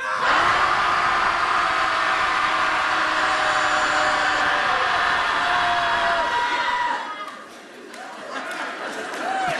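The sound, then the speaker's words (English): A group of people shout together at full volume on a count of three, one long, dense roar of voices lasting about seven seconds, then it abruptly breaks off into scattered, quieter noise. “Everybody at home listening, hopefully you're shouting too. Here we go. Shouting Society commences.”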